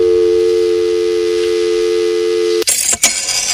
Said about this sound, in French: Voilà, alors autre son, celui du téléphone et du fax, et là aussi, c'est une autre époque.